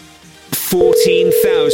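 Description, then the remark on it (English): A telephone call being placed by a producer: brief noisy clicks and bursts, then a steady, loud electronic line tone that holds on continuously, with faint voices murmuring underneath. “going to make a nice little phone call for us.”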